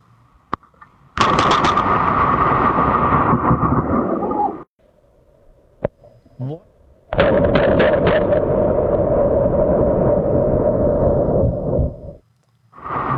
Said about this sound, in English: let's face it, going to the dentist is usually the worst part of anyone's day, unless, of course, a bolt of lightning manages to find you along the way.